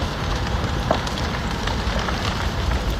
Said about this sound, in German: Knisternde Flammen, die vom Wind immer weiter angetrieben werden. So klang es vor einer Woche in einer Wohnsiedlung in der Stadt Drammen nahe Oslo.